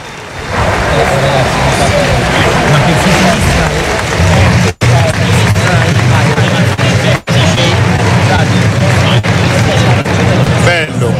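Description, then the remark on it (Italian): Loud, dense applause from a large audience, a continuous roar of clapping mixed with crowd noise that carries on steadily for about ten seconds, with two abrupt brief dropouts. “l'applauso scrosciante del pubblico.”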